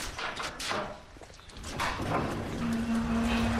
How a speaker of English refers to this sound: Should we go into a shed? Yeah, I'll just open it slowly to rain. Yeah. I'll just open that roller door.